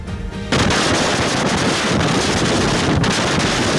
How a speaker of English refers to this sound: We were expecting a storm, but not like this. Thousands of people waking up without power in Texas this morning after Edward makes landfall.